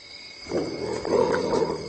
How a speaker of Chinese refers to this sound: 非洲灵猫小心翼翼地试探着，并发出威慑性的咆哮声。